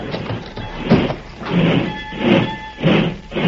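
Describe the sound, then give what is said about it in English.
A heavy boxcar sliding door is pulled shut, rumbling and scraping along its track in several surging pushes, with a thin metallic squeal running through the middle. It is loud and ends in a final grinding lurch. “Better pull the door”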